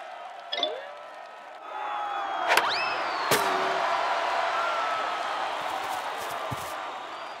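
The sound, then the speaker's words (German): A large crowd arriving for a game swells in after a quiet start, building into a steady roar of cheering and voices, with a few sharp bangs and whoops cutting through. “Oh, wo kommen denn all diese Menschenmassen her?”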